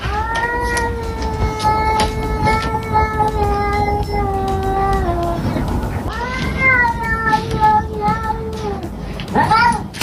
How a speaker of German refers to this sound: So geht's da ab, wenn ihr Kater den Nachbarskater sieht.